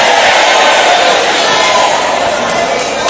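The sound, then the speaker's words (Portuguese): An audience shouts all at once, a loud, dense roar of many voices that holds steady for about three seconds without any single voice standing out. “Grita, queima ele.”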